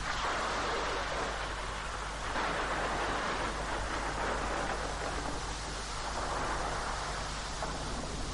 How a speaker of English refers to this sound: It's a chilly rainy day in Vandikia village, and the atmosphere is cozy yet rugged. The sky is a deep gray, and the rain drums against the thatched roofs of the village huts.